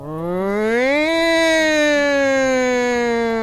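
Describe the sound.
A voice imitates an alarm with one long, loud hum that rises in pitch over the first second, then slowly sags lower as it holds for a few seconds, like a wailing siren.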